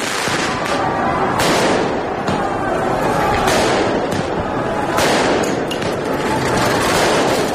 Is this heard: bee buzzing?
no